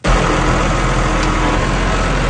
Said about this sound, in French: Le tracteur qui est derrière moi, c'est comme 200 piastres de plus pour le remplir